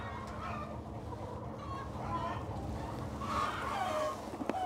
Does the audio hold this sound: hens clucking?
yes